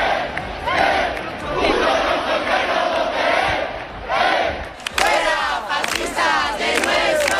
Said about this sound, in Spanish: Sonido de esta tarde en la Puerta del Sol, donde hemos visto momentos de tensión y enfrentamientos entre los acampados y un grupo de provocadores ultra con banderas de España y simbología franquista.